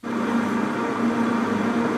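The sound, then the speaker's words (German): Granite mills grind Tencha tea leaves into matcha powder, about 50 grams per hour, with a steady, unbroken mechanical drone and low hum, loud and continuous with a rough grinding texture throughout, no voices present. “Granitmühlen zermahlen Tencha-Teeblätter zu Matcha.”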